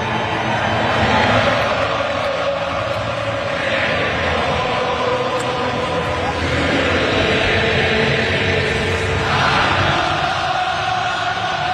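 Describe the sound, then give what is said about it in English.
A huge stadium crowd sings a country song together at the end of a U.S. game after the U.S. beat Australia. Thousands of voices merge into a loud, continuous wall of sound that swells and surges in waves, with no single voice standing out. “did you hear the … song by the crowd at the end of the U.S. game yesterday”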